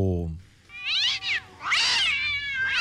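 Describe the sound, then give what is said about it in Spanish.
Several loud cat meows in quick succession, rising and falling yowls that overlap, following a brief low voice at the very start. “¡Buzo con los gatos! ¡No, son los gatos!”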